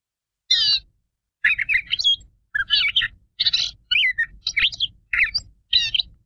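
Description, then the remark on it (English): A gray catbird sings a varied, jumbled string of squeaky, warbled phrases in quick bursts separated by short pauses, clear with no one talking. “And migration may have ended, at least spring migration, but some birds continue to call. And the gray catbird is one of these.”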